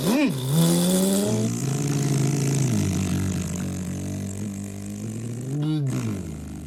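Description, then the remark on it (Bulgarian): A car engine revs sharply, then settles into a steady, loud droning hum as the vehicle pulls away, with another quick rev near the end. “Скачай при мен в колата. Нямаме време да слушаме оправдания и песни. Ето, тръгваме.”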